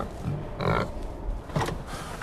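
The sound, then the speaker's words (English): Pigs grunting at morning feeding time as they are about to be fed, several rough, snorting grunts in quick succession with a couple of louder bursts, over a steady low farmyard rumble and no talking. “Morning, pigs. Ready for some food?”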